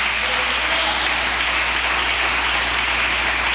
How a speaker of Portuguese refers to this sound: Glória a Deus. Palmas que glorificam o Rei da Glória.